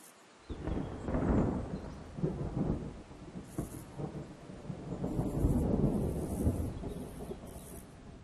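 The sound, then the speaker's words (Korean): Deep, rolling thunder rumbles in long waves over steady heavy rain in an autumn storm, as a young buzzard endures the downpour, with a constant hiss of rain filling the background throughout. “가을에는 폭풍우가 빈번하고 날마다 기온이 떨어집니다.”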